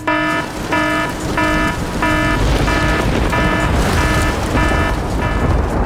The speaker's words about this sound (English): We need some rain. Come on, downpour, please. So we're gonna sound the rain alarm one more time.